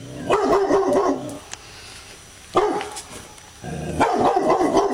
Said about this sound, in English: All right, now have a good listen to dog number two.